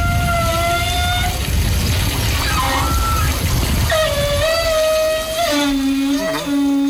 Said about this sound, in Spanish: Eso es un carro gallego cantando. ¿Cómo? Un carro gallego cantando. El eje de un carro gallego. Sí. Cuando roza con lo que es la plataforma, la cheda, que se llama del carro, el eje o eixo,